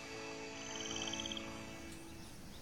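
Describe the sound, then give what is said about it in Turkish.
A dense, steady chorus of insects in the rainforest surrounding Iguazu Falls, buzzing and trilling, with layered high-pitched tones and a rapid pulsing series standing out briefly in the middle. There is no talking. “Etrafımızdaki böceklerin çıkardığı sesleri duyabilirsiniz.”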